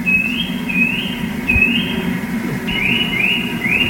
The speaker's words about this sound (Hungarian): Nézzük a csuszkát, én nem is ismerem a csuszkának a hangját, megnyomom.